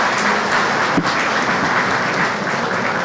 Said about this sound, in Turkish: Bu alkış beni havaya sokmadı ama idare eder.